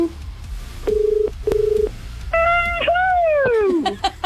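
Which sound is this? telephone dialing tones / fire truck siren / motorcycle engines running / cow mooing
telephone dialing tones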